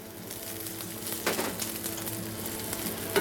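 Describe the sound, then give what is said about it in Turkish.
Onions sizzle steadily in very hot oil, added first before the garlic while quickly cooking a chicken curry, a dense crackling hiss that holds throughout with a few brief surges and pops, and no voices. “Yağ ekledikten sonra, yağ çok kızgın olunca ilk önce soğanı atıyoruz.”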